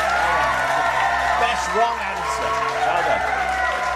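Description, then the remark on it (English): A steady wash of applause and crowd noise fills the whole stretch, with voices calling and talking loudly over it. “So I think a round of applause.”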